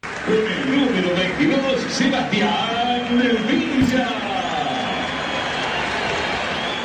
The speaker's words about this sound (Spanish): Bueno, ahí silbido predominantes y algún aplauso, ¿no? Cuando la voz del estadio nombraba a Villa.